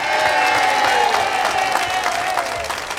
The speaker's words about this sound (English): Nice round of applause for Mr. Wayne Szymkowski.